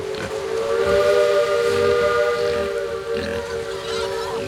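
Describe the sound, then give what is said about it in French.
A steamboat's loud, sustained steam whistle blows continuously for several seconds on a voyage from Palma to Barcelona, its steady harmonic tones ringing out over a broad hiss of escaping steam, with no voices. “De Palma à Barcelone, la famille Sanchopin voyage sur un bateau à vapeur”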